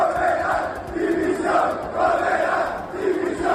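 About 2,000 football fans gathered at the gate by the directors' box of Mestalla stadium chant and shout in protest, rising and falling in rhythmic waves of loud, massed voices with no clear words standing out.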